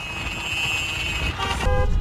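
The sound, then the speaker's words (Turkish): Car horns honk continuously as a group of vehicles drives in a convoy in Avcılar, Istanbul, over a rumble of traffic, one steady horn tone held throughout and a second, harsher blast joining near the end, loud. “Yapılan incelemede İstanbul Avcılar'da bir grup aracın konvoy yaparak trafik”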